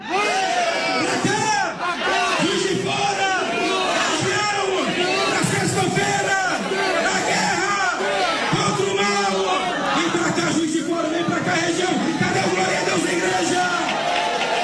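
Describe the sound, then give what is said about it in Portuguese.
A large crowd at a religious gathering shouts and cheers continuously after a man who could not walk walked again, inviting everyone to come to Juiz de Fora; many voices overlap in loud, rising calls and whoops, a steady roar of excited yelling that never lets up. “Olha aí, você está ouvindo a fé do povo, você está ouvindo a fé do povo, um homem enfermo, um homem que não caminhava, estava numa cama, voltou a caminhar, e depois do milagre deste homem, o povo convidando a todos para vir para Juiz de Fora”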